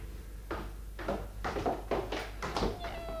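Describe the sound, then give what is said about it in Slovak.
Kittens mewing in a quick series of short, high cries, about two per second, ending in a longer, clearer meow, with a faint low hum underneath. Among the kittens are a white one and a yellow one with white stripes. “Ach, mačiatka, a koľko?”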